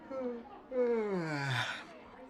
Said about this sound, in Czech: Nedáváš pozor, zíváš a neumíš látku.